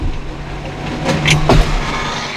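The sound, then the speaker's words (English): A door is pushed shut, a few quick knocks and a thump sounding over steady road-like background noise, with no voices. “I'm just going to go and close the door because I've left it open because the air conditioning.”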